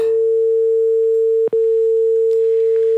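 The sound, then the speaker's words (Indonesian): A loud, steady telephone line tone hums on after a caller's call to a radio call-in show's Pro 1 phone line drops, holding one pitch for the whole stretch with a single brief cut in the middle and no voices. “Halo, terputus.”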